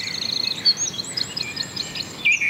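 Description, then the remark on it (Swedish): Birdsong fills the air: a steady mix of high, bright chirps and trills from several birds, continuous over a soft background hiss, with no one speaking. “Och så kan vi konstatera att intresset för fågelsång verkar öka.”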